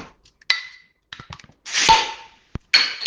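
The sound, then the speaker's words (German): A bottle of Löwenbräu München Oktoberfest beer is pried open with a bottle opener in a radio studio: a few metallic clicks on the cap, then a sharp pop and a bright rush of hissing gas, followed by another short hiss. “Ja, für den einen war das jetzt der Plop, aber ganz viele hören vielleicht auch den Löwen brüllen, wenn ich das Bier hier jetzt ins Glas fülle, denn wir verkosten heute das Oktoberfestbier von der Löwenbrauerei München.”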